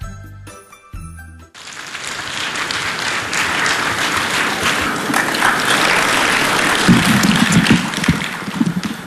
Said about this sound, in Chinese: 谢谢，谢谢，谢谢大家无声的鼓励。 嘿，这多热情啊！这是无声吗？这 掌声要再热烈，你说这得多好啊！